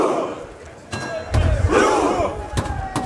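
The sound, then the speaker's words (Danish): A crowd of Norwegian football fans in Miami chants their World Cup battle cry together before Norway's quarterfinal against England, sitting side by side on the ground making rowing motions, loud and rhythmic, punctuated by sharp, regular drum beats cutting through the massed voices. “Ja, her hører vi altså nordmændens efterhånden ret kendte VM-kampråb, hvor de sidder på jorden side om side og roer, mens der bliver slået på trummen.”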